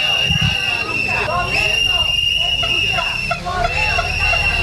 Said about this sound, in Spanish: Así ha sonado la protesta frente a las oficinas principales de correos en Las Palmas de Gran Canaria